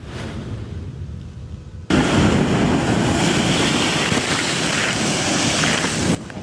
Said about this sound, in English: A major safety warning for anyone heading to the beach this week. Dangerous waves and powerful rip currents are hammering the coast.